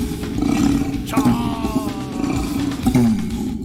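An orangutan calling: a loud, deep, continuous bellowing roar that rises and falls in pitch over a few seconds, uninterrupted, with no one talking.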